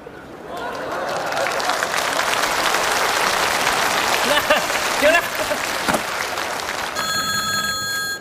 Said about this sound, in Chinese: 哎，你别误会啊，俺老婆不接，只要俺家的电话响3声，俺老婆就知道我在外边平安了。俺老婆神经衰弱，她要是听不见这3声电话铃